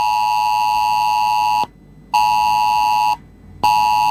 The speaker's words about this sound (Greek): Αλλά σταματήσει για πάρα πολύ ώρα, δηλαδή σε βαθμό ενός 1,5 λεπτού, αρχίζει και βαράει αυτό εδώ το πράγμα στο κινητό μου. Λες και έχουμε 112.